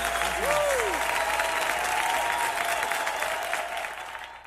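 An audience claps loudly and steadily, a dense wash of applause with a few voices and a high whistle-like cry rising over it, then slowly thinning toward the end.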